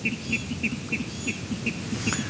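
A water rail's territorial call: a rapid series of harsh, regular pulses repeating about every third of a second, prominent over a low background rumble.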